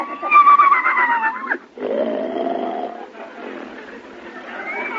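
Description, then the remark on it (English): A loud, wavering whinny from a horse named Gulliver in a riding ring fills the first second and a half, breaks off, then gives way to a lower, drawn-out snorting groan that fades and lingers, on a thin, old-sounding recording. “Well, you're facing the right way, but your legs shouldn't both be on the same side of the horse.”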